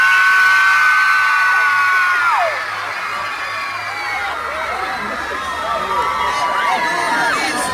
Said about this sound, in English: To a teenage girl right now, you might want to plug your ears. Ladies, let me hear you scream